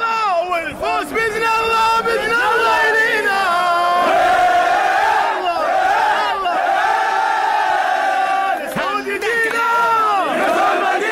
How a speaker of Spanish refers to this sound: La hinchada de Arabia Saudita. Andá metete ahí nomás. Esta es la hinchada de Arabia Saudita.